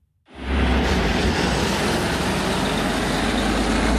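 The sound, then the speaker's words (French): A heavy truck leaving a road-building factory of the construction company Eiffage Route near Roanne, Loire department, France, rumbles loudly, its deep engine drone and broad road noise starting abruptly and holding steady throughout, with no one speaking. “C'est un camion qui quitte une usine pas comme les autres, près de Roanne, dans le département de la Loire.”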